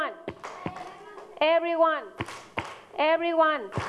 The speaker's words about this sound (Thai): โอเคทีนี้ประเดี๋ยว everyone ตบมือค่ะ everyone ไม่ต้องอ่านตาไม่ต้องพูดตามทีเชอร์